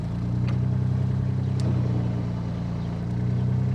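A motorboat engine drones steadily, a loud, low, continuous hum with a throbbing rumble that barely changes, plus a few faint splashes or clicks, as the boat is stuck in the mud of a silted lake, unable to move forwards or backwards. No one speaks.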